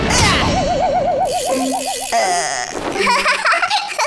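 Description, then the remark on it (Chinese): A loud cartoon impact as a badminton shuttlecock, after flying once around the planet, smacks into the one who hit it, then a wobbling springy boing warbles for a couple of seconds before cutting off, followed by excited giggly vocal sounds. “你的羽毛球飞了星球一圈，就是为了砸到自己的吗？”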